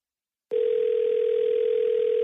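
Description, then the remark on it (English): After a brief moment of silence, a telephone ringback tone of a call placed by the Chubbs Show on 106.9 KHITS radio starts abruptly and holds as one steady, unbroken electronic hum, fairly loud and clear with no voices. “And it's ringing.”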